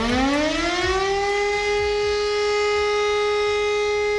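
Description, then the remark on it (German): A civil defense siren sounds the all-clear at 11 o'clock on Germany's nationwide warning day: a loud tone rising in pitch over the first second or so, then holding one steady, unbroken note, with a low mechanical rumble beneath and no speech. “Genau, dann hören wir erstmal den Ton für Entwarnung und der klingt so.”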